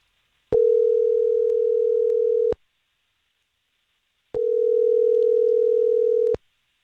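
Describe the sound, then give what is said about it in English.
Two rings of an outgoing phone call placed by the Star 101.3 radio morning show, each a steady, fairly loud two-second electronic tone, separated by about two seconds of silence. No one speaks. “So let's call her.”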